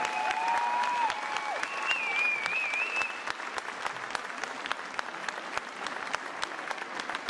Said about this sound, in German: Ich glaube, der Applaus war zu leise. Jetzt nochmal einen richtig großen Applaus!